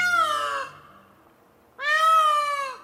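Two loud, wailing peacock calls, each a drawn-out nasal cry that bends in pitch, separated by a short pause with no other sounds around them.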